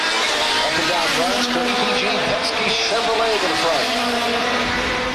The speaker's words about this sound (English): And that is because racing cars have been speeding around a 250-mile course, about 400 kilometres, which goes past the US Congress, the Washington Monument and other landmarks in the nation's capital.